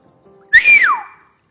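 A single loud whistle from a man, surprised on being told a piece of news, that holds a high pitch briefly, then slides steeply downward, a long falling note of surprise with no talking around it.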